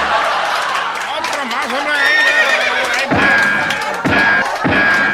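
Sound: horse neighing sound effect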